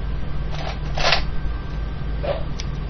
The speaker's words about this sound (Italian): Rumore di forbici dalla punta arrotondata